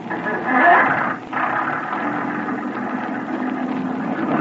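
At night with little visibility, a motorboat engine is started on command: it catches and surges loudly, drops briefly, then settles into a steady, rough mid-pitched drone that keeps running with no voices over it.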